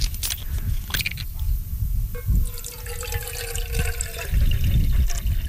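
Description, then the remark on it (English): Water is poured into a container, a steady splashing stream whose tone rises as it fills, with some clattering and rustling around it. “I'm going to put in some water.”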